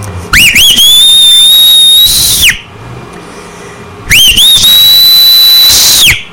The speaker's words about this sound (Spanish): Y échate un buen chiflado, dice tu cuñado Hércules.